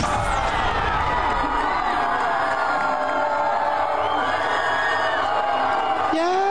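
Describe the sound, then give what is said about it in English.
A large crowd of 24- to 28-year-olds yells and cheers continuously because a candidate just won a primary in Colorado. A dense, loud wall of whoops and shrieks is sustained throughout, with rising excited voices layered over the roar. “Bunch of 24 to 28-year-olds yelling and screaming because a radical communist just won a primary in Colorado.”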